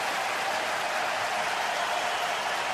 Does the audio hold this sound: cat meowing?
no